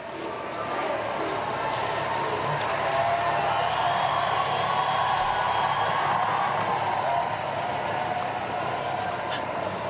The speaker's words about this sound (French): Voilà, donc maintenant, le Saint-Père en les rues de Metz pour eh bien partir, et encore une foule assez nombreuse, très nombreuse, eh bien, et dans les abords de la cathédrale, et qui crie encore merci.